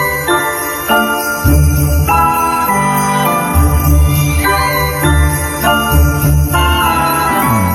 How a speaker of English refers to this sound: I hear sleigh bells in the background. That could be a hint. That is Home Alone.